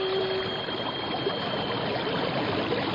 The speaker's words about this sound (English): Donnacona, what's that noise? It sounds like a giant waterfall. There are no falls around here. It's a whirlpool. We're being sucked under.